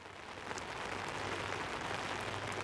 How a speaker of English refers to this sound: I hope you can still hear me. It's pouring rain here.